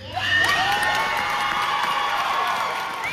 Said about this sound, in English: They earned every bit of that applause.